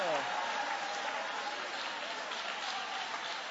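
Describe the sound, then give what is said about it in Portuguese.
A church audience applauds God during a morning service in a dense, steady wash of clapping that holds the same loudness throughout, with a brief voice audible at the very start. “Aplaude a Ele, louve a Ele, exalte a Ele.”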